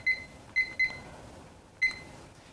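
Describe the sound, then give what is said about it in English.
Four short electronic beeps from a kitchen timer set for 15 minutes while burgers bake in an oven at 350, three in quick succession and one more a second later, clear against a quiet background. “Okay, we're going to set our timer for 15 minutes.”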